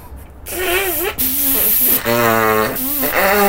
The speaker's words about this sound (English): Good God, you blew me hanky into the sea.